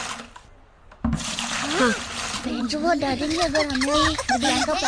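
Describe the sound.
Children scoop water out of their flooded classroom and splash it around in a busy, continuous churning, with several excited voices calling out and chattering over the sloshing.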